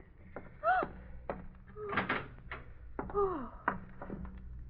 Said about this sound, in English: Open the room door